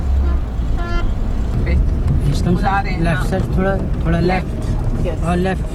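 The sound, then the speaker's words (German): A car's engine rumbles steadily as a blind woman drives it on an empty parking lot, a constant low drone running under several voices talking and laughing inside. “Hier fährt sie Auto.”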